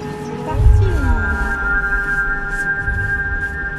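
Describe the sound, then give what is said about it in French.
A humpback whale call: a moaning tone that bends downward, over sustained higher whistling tones and a deep underwater rumble, fairly loud and continuous for a few seconds. “La réponse de la baleine à bosse.”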